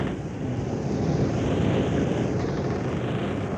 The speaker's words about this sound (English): hear the creak of the rigging, listen to the wind whip the sails.